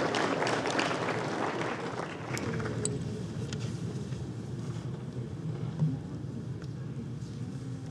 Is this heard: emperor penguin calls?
no